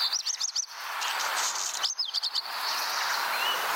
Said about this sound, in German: Ja, das ist nicht nur einfach Vogelgezwitscher. Das war der Vogel des Jahres 2025, der Hausrotschwanz.